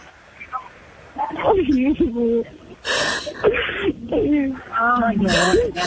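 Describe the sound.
A woman breaks down crying over a phone line, her voice wavering and breaking into sobs between sharp, gasping breaths, close and fairly loud with a thin, band-limited sound.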